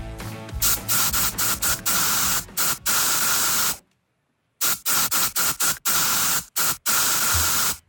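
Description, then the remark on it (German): A deodorant spray can hisses in a series of loud bursts, some quick puffs and some longer sprays, with a short silent pause partway through. “Und ja, auch wir haben wieder einen Song in die Sprühdose gepackt.”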